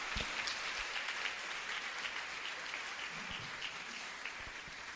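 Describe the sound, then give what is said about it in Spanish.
An audience applauds for Jesus Christ, steadily, a dense wash of many hands clapping at an even level for the whole stretch, with no voices rising above it. “Denle el aplauso fuerte a mi Señor Jesucristo.”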